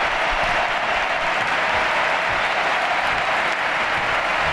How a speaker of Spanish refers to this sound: Mira, escuchad el Camp Nou, Dani, la ovación a Alexia Putellas.